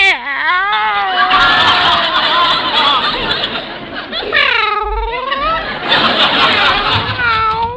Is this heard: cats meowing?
yes